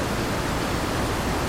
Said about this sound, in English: I'll just let the water soothe you for a second.